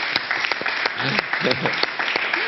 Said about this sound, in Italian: Ci ho provato, diciamo che ci ho provato. Qua ci vuole un applauso.